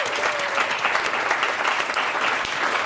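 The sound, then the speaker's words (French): A room full of people claps steadily for the director Samuel Morier-Genoux, a dense, sustained wash of applause that stays loud and even for a few seconds with no voices over it. “Je vous propose qu'on l'applaudisse, Samuel Morier-Genoux.”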